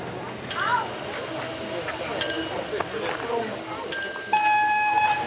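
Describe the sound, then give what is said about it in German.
An old green-yellow Deutsche Bundesbahn railcar, which came by way of a Belgian museum railway, rumbles along the track, with sharp metallic clanks and high squealing wheel tones over a steady low drone, while passengers' voices murmur in the background. “Im Triebwagen herrscht beste Stimmung.”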